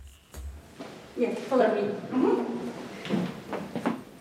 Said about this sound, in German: er führt über knarzende Holzdielen, vorbei an klobigen Ledersesseln und vergilbten Theaterplakaten. Im russischen Theater der lettischen Hauptstadt Riga scheint die Zeit stehen geblieben zu sein.